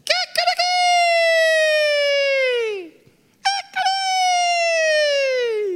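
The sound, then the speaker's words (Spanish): A rooster crows twice, loud and alone: each crow opens with a few sharp clipped notes, then stretches into a long, bright call that slowly slides down in pitch before trailing off. “El Señor le dijo, antes que cante el gallo, ya tres veces me vas a negar.”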